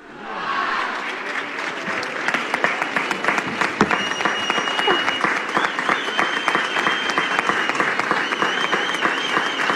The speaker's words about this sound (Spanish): Muchos aplausos escuchamos en la plaza del Ayuntamiento